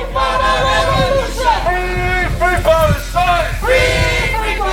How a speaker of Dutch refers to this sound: Er is veel politie bij het stadion van AZ. In Alkmaar zo de Europa League-wedstrijd tegen een Israëlische club, Hapoel Beersheva. Er is een protestmars waarbij demonstranten met Palestijnse vlaggen zwaaien en leuzen roepen.